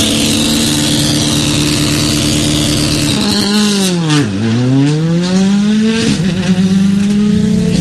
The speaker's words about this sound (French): Ces ronflements du moteur, ça déchire, hein, ça déchire.